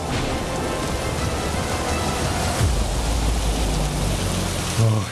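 Heavy rain from a rainstorm pours down in a steady, dense, loud roar throughout, with a low rumble briefly swelling underneath near the end.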